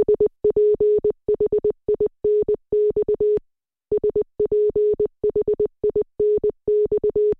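Clean, steady Morse code beeps in a single mid-pitched tone, short dots and longer dashes spelling the word "Sphinx", then a brief pause before the same sequence repeats, with no voices.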